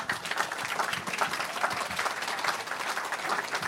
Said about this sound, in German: Heute Abend, hallo Ulrich Mattes, genau, den Applaus müssen Sie sich jetzt erstmal noch abholen.